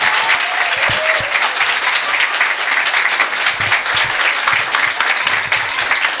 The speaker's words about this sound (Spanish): fuerte el aplauso para estos niños.